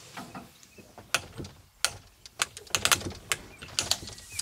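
Sharp, dry knocks on a circus wagon, about a dozen irregular raps, some hard and some lighter, clustered together with short gaps and no voices.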